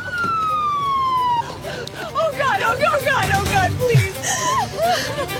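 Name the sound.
ambulance siren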